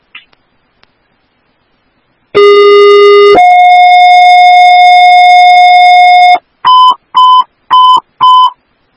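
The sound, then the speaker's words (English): Fire dispatch alert tones for Woodbury Station 3, for a water flow fire alarm on Valley Creek Road: a loud steady pitch that steps up to a second, longer sustained tone, followed by four short, evenly spaced higher beeps. No voices are heard. “Woodbury Station 3AF, disregard tones.”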